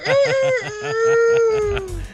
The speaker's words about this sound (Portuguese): O Galo Velho já aqui tá cantando, né?